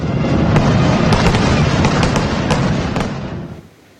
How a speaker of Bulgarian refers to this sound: Честванията завършиха с химна и тържествена заря.